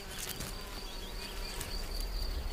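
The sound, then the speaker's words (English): A small red-tailed mason bee buzzes steadily, a faint, continuous droning hum with slight wavering in pitch, heard alone against a soft outdoor background. “It's no easy task for a small bee like the red-tailed mason.”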